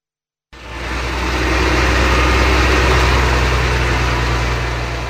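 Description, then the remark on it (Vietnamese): Excavators and bulldozers roar steadily with a deep, droning engine rumble amid mountains and forest, clearing a washed-out section of National Highway 12 between Lai Châu and Điện Biên in Vietnam, layered over a broad hiss of falling rain. The sound starts abruptly after a brief silence and holds loud throughout. “Tiếng mưa rơi hòa cùng tiếng máy xúc, máy ủi gầm vang giữa núi rừng.”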